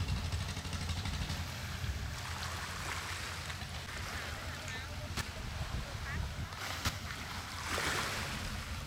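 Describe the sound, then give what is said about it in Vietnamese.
A steady low drone of a motorized fishing boat engine runs throughout as the boat docks at a small fishing pier of a seaside village, beneath lively overlapping chatter and laughter of people buying and selling, splashing water, and a few sharp knocks. “Bến cá nhỏ bỗng vang lên tiếng ghe máy, tiếng người mua bán và cả tiếng cười nói rộn rã của xóm biển.”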